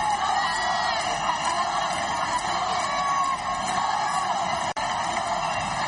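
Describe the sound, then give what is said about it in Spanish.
A large crowd of Ceuta residents cheers and shouts continuously as the Spanish King and Queen step out of the official car to greet them, with whoops and high-pitched yells rising out of a dense wall of voices and a brief dip near the end. “Así fue el momento en el que los monarcas salieron del coche oficial para saludar a los vecinos de Ceuta.”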